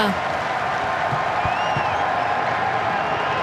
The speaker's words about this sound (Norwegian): Det trampeklapp fra tribunen